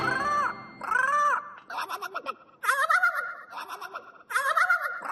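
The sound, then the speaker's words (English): A small bird chirps and squawks loudly in a run of repeated, rising-and-falling calls, with short pauses between bursts and no talking. “The pretty big thing is that little bird?”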